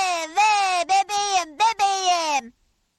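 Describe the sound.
A voice mimics a woman's high, wailing cry, "vee, vee", in several loud, drawn-out bursts separated by brief breaks, trailing off into silence near the end.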